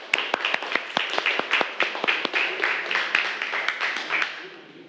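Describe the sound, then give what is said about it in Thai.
A class of students in a classroom claps for a group of classmates for several seconds, many hands striking in quick, irregular bursts with sharp individual slaps standing out, steady in loudness before tapering off near the end. “ปรบมือให้เพื่อนหน่อยเร็ว”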